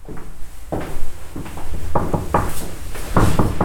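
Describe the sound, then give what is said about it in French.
A heavy wooden carriage door (porte cochère) is pushed open with a string of wooden clunks and rattles, a few irregular knocks spaced over a few seconds with faint background noise between them. “Alors l'envie nous a pris d'aller voir des balcons, de pousser les portes cochères.”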